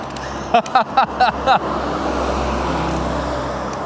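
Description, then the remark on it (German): A bus rumbles past near a rural train station, with a steady, broad roar of engine and tyre noise, preceded by five quick, evenly spaced chirping bursts. “Da fährt ein Bus.”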